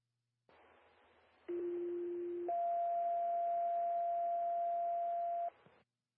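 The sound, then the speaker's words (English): Fire department pager alert tones in Bedford County, sounded again to call for more manpower, over a hissy radio channel: a steady low tone holds for about a second, then jumps to a higher sustained tone lasting three seconds before cutting off. “Could you hear our siren and pagers again for manpower, please?”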